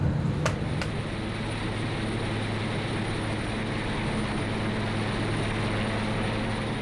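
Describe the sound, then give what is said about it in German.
A steady, loud mechanical roar of a helicopter landing on a ship in the middle of the North Sea at wind force 6, as deck lashers get ready to secure it. Low droning engine tones underneath and a couple of sharp clicks near the start, no voices. “Unterdessen machen sich die sogenannten Lascher bereit, die den Heli gleich festmachen.”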